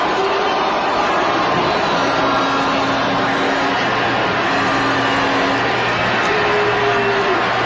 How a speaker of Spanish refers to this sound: Ahí la están abuchando. La están abuchando. Es un abucheo grande, ¿eh?